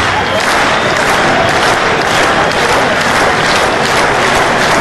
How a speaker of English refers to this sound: Fans standing and clapping.